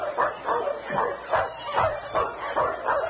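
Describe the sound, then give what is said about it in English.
A sled dog team barks and yips in a steady, overlapping chorus, several dogs calling at once at moderate volume with a slightly muffled quality. No one speaks. “Do you hear that? A dog team.”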